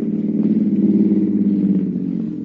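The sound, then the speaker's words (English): A car engine hums steadily, a low, even idle that eases off slightly at the end as the car pulls up, heard from inside a barn. No voices. “Short time later, Rusty is sitting in the barn thinking about the situation when he hears a car pull up.”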